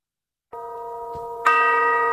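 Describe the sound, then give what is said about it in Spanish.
Village church bells strike the hour twice after a brief silence, the second strike louder and brighter, each ringing on with a sustained, resonant hum. “Son las campanas del pueblo. Del pueblo, 100%. De las horas.”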